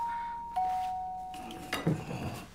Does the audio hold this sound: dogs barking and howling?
no